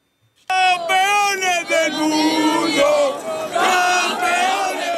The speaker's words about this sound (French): Accueillis comme des rois par une foule en délire